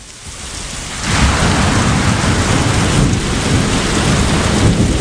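A thunderstorm with heavy rain: a dense, steady roar of downpour that swells sharply after the first second, with a deep rumbling low end running beneath it. No voices.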